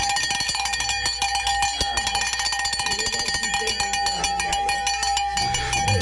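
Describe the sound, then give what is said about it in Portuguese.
A cincerro bell on the neck of a zaina (solid dark-coated) mare clangs continuously with bright, metallic, ringing tones, jangling in a quick, uneven rhythm at a steady loudness for the whole stretch, with no voices. “É, o tio Tony quer levar o sincero embora pra levar pra botar no pescoço da égua zaina.”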